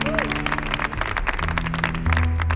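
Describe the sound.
An audience applauds steadily for a couple of seconds at a live show of a band, also broadcast on radio, a dense wash of many hands clapping, with low sustained tones humming underneath and a few voices mixed into the crowd noise.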